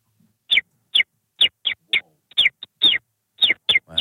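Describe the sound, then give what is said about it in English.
A person imitates a small bird, likened to a common sparrow, making a quick series of about a dozen sharp, high chirps in uneven bursts, clear with no talking. “So I think the way to test if this is truly an amazing bird is for you just to just crack into your bird.”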